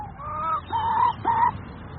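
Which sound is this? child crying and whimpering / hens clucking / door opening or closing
hens clucking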